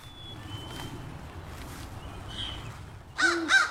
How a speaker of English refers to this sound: Ooh, a crow's going to harass it, too, because owls will take almost anything, including baby birds. Owls are not beloved by other birds, with reason.